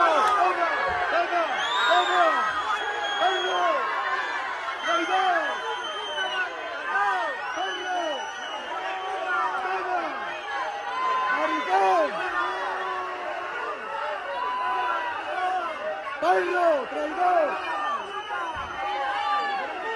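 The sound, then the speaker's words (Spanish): Hundreds of discontented Ceuta citizens boo and shout insults at Spanish minister Fernando Grande-Marlaska at the doors of the Government Delegation in Ceuta after his press conference, many overlapping voices jeering and yelling in a continuous loud roar with no pauses for the whole stretch. “Tras finalizar su rueda de prensa en la delegación del gobierno de Ceuta, Marlaska recibió abucheos e insultos por parte de cientos de ciudadanos ceutíes inconformes que le esperaban a las puertas del recinto.”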